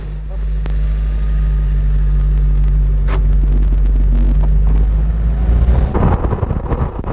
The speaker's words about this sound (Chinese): 汽车大约行驶了30分钟，来到树林中的一条小路上。